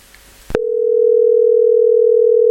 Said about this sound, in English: The phone is ringing off the hook. Yeah. Let me see what's going on.